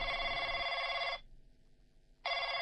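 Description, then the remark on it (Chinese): A telephone bell rings loudly in two bursts, a long trill of about a second, a pause of roughly a second, then the ring starts again. Clear, with no voices. It rings late at night at home while someone lies in bed unable to sleep. “这一夜我正在床上辗转反侧无法入眠的时候，电话铃应景的响了起来。”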